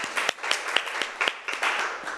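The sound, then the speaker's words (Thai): A short burst of hand clapping from a small group, many overlapping sharp claps forming a steady, moderately loud patter that continues throughout with no voices. “เยี่ยมมากขอเสียงปรบมือให้เก่งหน่อยค่ะ”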